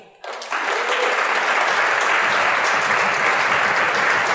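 Applause from an audience starts abruptly after a brief quiet moment, then holds as a dense, steady wash of clapping at full loudness for several seconds.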